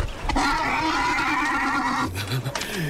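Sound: horse neighing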